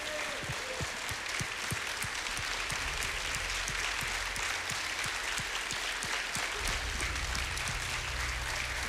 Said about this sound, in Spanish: ¿Qué le parece si comenzamos y le damos un aplauso al Señor? Bendito es el Señor.